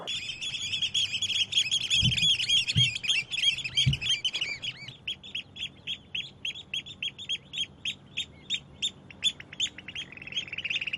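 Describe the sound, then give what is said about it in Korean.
Breeding-season birds call insistently and without pause to warn off females or other pairs coming near, a dense chatter of sharp, high chirps that thins into a steady run of rapid, evenly spaced calls, with a few low thumps early on and no voices. “주변에 지금 암컷이 오거나 다른 쌍이 왔을 때 경계를 하기 위해서 소리를 계속 내는 겁니다.”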